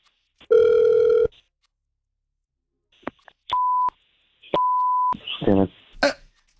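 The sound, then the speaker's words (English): An outgoing phone call rings: a sustained electronic tone, a couple of clicks, then two shorter beeping ring pulses, followed by a brief throat-clearing sound near the end. “We're going to call him right now.”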